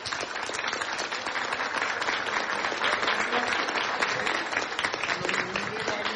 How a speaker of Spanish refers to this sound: Vámonos un gran aplauso a todas y todos los venezolanos.